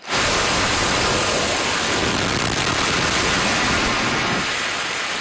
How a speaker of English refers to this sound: Missiles being launched from a U.S. naval vessel. Washington says it hit Iranian air defense systems, coastal radar sites, and small boats.